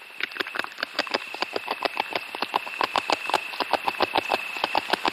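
Rapid, rhythmic crunching scrapes of a beaver gnawing wood, repeating several times per second without pause, with a faint steady high whine running underneath.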